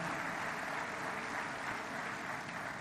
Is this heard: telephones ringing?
no